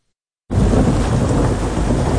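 After a moment of silence, a loud thunderstorm bursts in: heavy, steady rain with a deep, sustained rumble of thunder. No one speaks.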